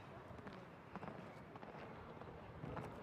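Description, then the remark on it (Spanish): A horse's hooves canter in an even, rolling rhythm of soft thuds, faint against a broad wash of background noise, during a show jumping jump-off as the horse turns back toward a vertical fence without changing its lead. “El caballo ahí sin cambiar el pie en la vuelta al vertical de Marqués de Riscal.”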